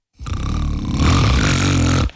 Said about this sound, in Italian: ma questo non è russare, è un terremoto!